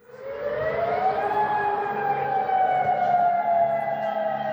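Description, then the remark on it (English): An air raid siren sounds in the Gulf region after Iran's Revolutionary Guard launched retaliatory strikes on US military sites. It wails steadily, its tone rising at first and then holding a long, loud sustained pitch over a low rumbling background, with no voices. “Sirens have sounded across the Gulf and Jordan after Iran's Revolutionary Guard launched retaliatory strikes on US military sites.”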